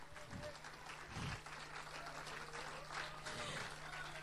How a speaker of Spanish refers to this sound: Si es para mí ese aplauso, no me impresiona en lo absoluto. Si es para Dios, creo que se merece algo mejor.